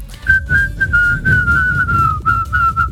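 Someone whistles a tune for about three seconds, a thin, clear, fairly steady tone with small dips and shifts in pitch, heard over low rumbling background noise with no talking.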